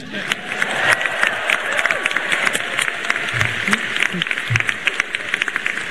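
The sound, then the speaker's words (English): A large crowd of newly admitted first-year and transfer students at a Stanford University welcome ceremony claps and cheers loudly, dense applause sustained throughout with scattered whoops and shouts rising above the steady wash of hands. “You're now in. You should cheer.”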